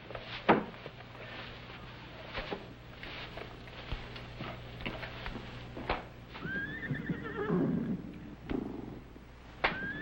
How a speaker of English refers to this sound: What do you suppose is bothering them horses? Who knows? They probably want their supper just as I do.